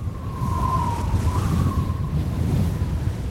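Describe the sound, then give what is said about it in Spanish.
Strong wind whistles through the windows of a house, a thin, steady mid-pitched tone that wavers and bends slightly over a constant loud roaring rumble. It runs unbroken for the whole stretch, with no voices. “Es como que hace ruido en las ventanas de mi casa, no sé, un silbido raro ahí para allá.”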